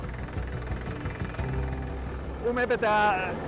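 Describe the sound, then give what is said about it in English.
A drilling rig's engine runs with a steady, low mechanical rumble as a crew drills shallow holes for thermosiphons to slow permafrost melting beneath a summit station in the Alps; a voice briefly cuts in over it near the end. “To keep the summit station on Pisner safe and stable, a crew is drilling for a thermosiphon, a system designed to slow the melting of the permafrost.”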